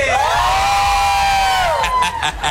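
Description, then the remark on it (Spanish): A large crowd at the Estadio Revolución stadium roars and cheers continuously during a live football match, with a loud sustained collective shout rising over the din and scattered whistles and whoops near the end. “¡Y el grito de la gente!”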